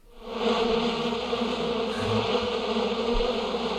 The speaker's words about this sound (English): Bees in the studio